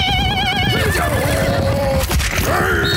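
A horse gives a loud, shrill whinny that quavers at the start, then drops in pitch and trails off into a snorting finish, with faint hoofbeats underneath.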